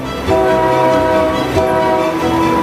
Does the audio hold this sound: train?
yes